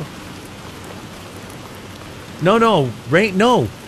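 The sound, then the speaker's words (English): Steady rain patters with an even, hissing wash from start to finish, and near the end a voice briefly sings or vocalizes a few wavering notes over it. “Rain, we're manifesting rain.”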